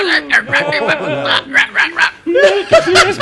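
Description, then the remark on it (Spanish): A dog barks in a quick, uneven string of sharp yaps, fairly loud, with laughter and voices blending in around the barks. “¡Y el perro!”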